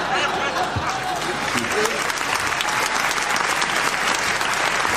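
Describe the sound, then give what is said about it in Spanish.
An audience breaks into steady, sustained applause, a dense wash of clapping hands filling the whole stretch at a fairly loud, even level with no pauses. “No es para aplaudir eso.”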